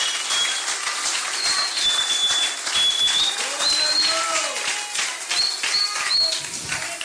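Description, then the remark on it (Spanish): A crowd applauding loudly and steadily in praise of God for several seconds, dense clapping with a few shrill whistles cutting through and some cheering voices underneath. “Si le vais aplauso, véselo con ganas esta noche.”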